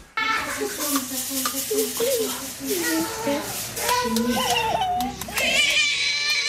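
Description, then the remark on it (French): A baby coos and babbles happily while grabbing its feet and sucking its toes, in continuous vocal bursts with rising and falling pitch, over a steady hiss of background noise. “Bah, vous n'avez pas l'image, mais je vous la donne, un bébé tout heureux d'attraper ses pieds, de sucer ses orteils, ce qui démontre une certaine souplesse qu'on n'aura pas forcément quelques années plus tard.”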